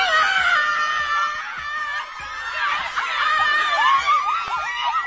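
A crowd of women at an event screams loudly and continuously, high shrieks overlapping in a dense wall of sound with bursts of excited laughter, sustained for several seconds.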